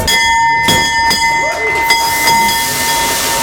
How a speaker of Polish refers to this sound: Giełda w Warszawie co prawda już zamknięta, obroty już zakończone, ale my nie będziemy mówić o kursach, ale o nowym dzwonie, który otwiera sesję po 10 latach na warszawskim parkiecie. Dziś zawisł właśnie taki nowy dzwon. 3, 2, 1.